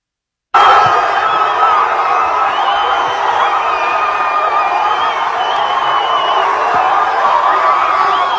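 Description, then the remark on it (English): A large crowd in San Diego, California, screams and cheers while waving the flag, in a dense, steady roar that cuts in abruptly after a brief silence and stays loud for about eight seconds, with scattered higher-pitched shrieks rising above the din. “You can see people wagging their tongues, screaming out loud, waving the flag.”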